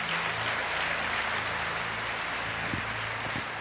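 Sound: audience applauding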